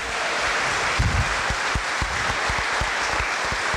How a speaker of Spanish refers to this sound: Venga, un aplauso para estos papás.